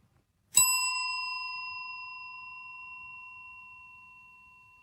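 A small hand bell is struck once and rings out clearly, its bright metallic tone lingering and slowly fading over several seconds with no one speaking.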